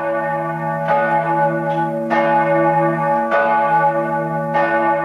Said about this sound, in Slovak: Z konkatedrály svätého Martina v Bratislave sa ozýva takéto zvonenie.